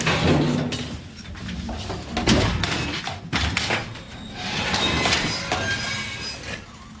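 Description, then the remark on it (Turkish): A heavy drawer slides open with a long scraping rumble, punctuated by a few dull thuds and clanks as it rolls out; no voices. “Çekmeceyi açın.”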